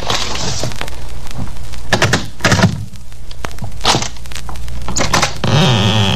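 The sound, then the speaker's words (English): Dry scraping and rustling as a letter is slid under the door of a flat, in several short bursts mixed with light thumps against the wood, no voices. “Hey, put it under the door.”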